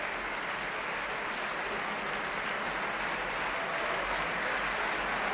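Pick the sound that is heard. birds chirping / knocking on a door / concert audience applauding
concert audience applauding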